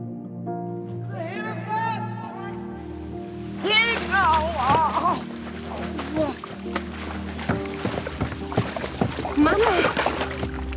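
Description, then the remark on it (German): A mother falls from a jetty into water and keeps splashing, a continuous churning of water, while voices shout urgently over it. “Dann wäre nur sie da gewesen, als ihre Mutter sich zum Steg geschlichen hat und ins Wasser gefallen ist.”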